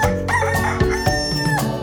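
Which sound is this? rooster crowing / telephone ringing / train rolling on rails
rooster crowing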